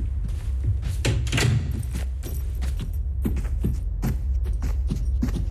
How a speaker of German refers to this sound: Mach mal die Tür hinter uns zu. Sonst sieht er sofort, dass jemand in den Keller gegangen ist.